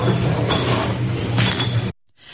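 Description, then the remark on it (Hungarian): Glass jars clink and knock together as they are filled by hand with apricot jam, lidded and turned over, over a steady background hum, with a couple of brighter clattering bursts, before the sound cuts off abruptly near the end. “Láthatjuk, hogy hogyan töltik kézzel egyébként meg az üvegeket.”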